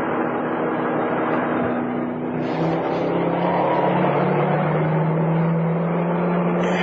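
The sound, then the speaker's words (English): A car engine hums steadily with broad road noise as the car drives into the outskirts of Bellingham, its pitch dipping and then shifting as the vehicle drives on and seems to turn, with no voices. “We're coming into the outskirts of Bellingham.”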